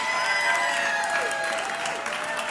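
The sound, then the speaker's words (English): An audience claps steadily in a dense, continuous wash of applause after a live band performance on Bill Street Caravan, with sustained musical tones ringing underneath and a few faint voices mixed in. “Y'all give it up”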